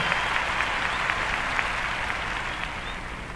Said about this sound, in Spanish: aplauso.